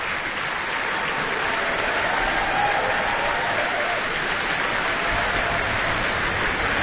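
Sustained applause from a large symphony concert audience, a dense steady patter of many hands clapping at constant loudness throughout, with no voices standing out.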